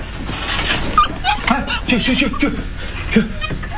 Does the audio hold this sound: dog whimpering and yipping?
yes